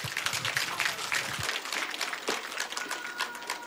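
An audience applauds steadily to introduce singers performing an old song, a dense crackle of many hands clapping at once that holds at an even level from start to finish, with a few low thumps near the beginning.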